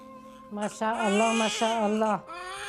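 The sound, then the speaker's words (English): A newborn baby boy, just delivered on Christmas Day, cries in one sustained, high-pitched wail with a strained, wavering tone, fading into a quieter whimper at the end. “Did you hear him cry?”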